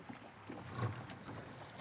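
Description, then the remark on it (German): A small boat motor sputters into life with a low, uneven, fart-like puttering as the boat sets off, over a wash of wind and water noise. “Genau, dann pupst es und du fährst los.”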